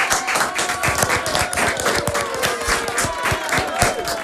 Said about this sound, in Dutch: Ik wil jullie een heel groot applaus geven nogmaals. Gaan we doen.